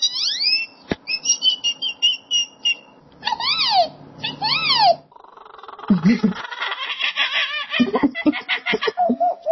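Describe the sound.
A 12-year-old boy from Oklahoma, who can do 115 different types of bird call, mimics a string of them: high whistled trills and chirps, swooping rising-and-falling whistles, then a burst of rapid, chattering clucks and squawks.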